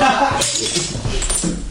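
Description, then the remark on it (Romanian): A very old crystal mirror shatters with bright, jangling crashes and tinkling shards, bursts of clinking over a steady rumble, with people's voices mixed in. “Vai, s-a spart oglinda.”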